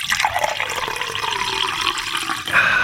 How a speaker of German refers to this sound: das saubere und leckere Wasser, das aus meinem Wasserhahn kommt